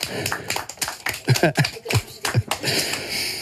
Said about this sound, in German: Mega gute Bären gewesen, bravo. Applaus für euch selber.